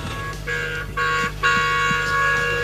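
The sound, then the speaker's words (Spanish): Several car horns honk together in long, overlapping blasts, a steady brassy drone that swells in two or three steps as more horns join in, fairly loud with no talking. “Sí, se escucha, bocinazo, no sé, de ese, porque hay varios bocinazos, no sé quién será ese, pero le agradecemos.”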